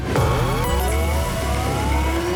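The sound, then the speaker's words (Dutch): A loud alarm sound effect: layered tones glide steadily upward in pitch over a low, rumbling engine-like drone, continuous for a couple of seconds with no one speaking. “Dat is het alarmgeluid.”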